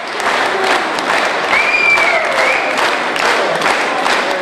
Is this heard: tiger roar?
no